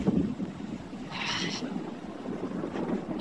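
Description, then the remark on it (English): Blustery wind roars and buffets steadily for a few seconds, with a low rumbling undertone and a brief, sharper hissing gust partway through, during a storm with gusty winds, damaging hail and torrential rain in Alice Springs. No voices are heard. “we're getting gusty winds, damaging hail, torrential rain, lashing the communities there”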